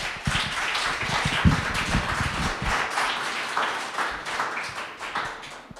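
A poetry slam audience applauds steadily for several seconds, a dense wash of many hands clapping at an even level with no voices over it, easing slightly toward the end, welcoming the next poet.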